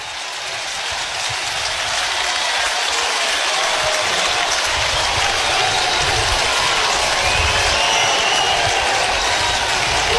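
A large capacity crowd at a Huskers baseball game roars and cheers continuously after Jet Buck's solo home run, a dense wash of applause and shouting that swells slightly and holds steady for the full stretch, with no voices standing out.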